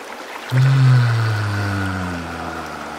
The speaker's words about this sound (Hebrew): פעם אחרונה ניקח נשימה עמוקה עמוקה ונחזיק את האוויר. וביחד נסתנכרן ונוציא צליל של הנחה עמוקה.